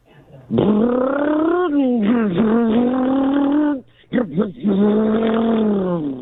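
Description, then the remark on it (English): A human voice imitates a getaway car peeling away from a bank: a loud, sustained engine vroom with wavering pitch, a brief break, then another long revving burst. “It's a getaway car peeling away from the bank.”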